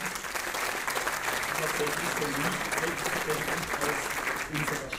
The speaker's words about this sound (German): Sie dürfen gerne klatschen.